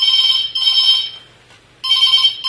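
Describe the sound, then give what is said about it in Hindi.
A telephone rings for an incoming call to a Hindi farmers' call-in radio program (Kisan phone program), a bright electronic warble in two loud bursts separated by a short pause, with a faint low hum underneath and no talking. “Hello किसान phone कार्यक्रम में स्वागत है, कौन भैया बोल रहे?”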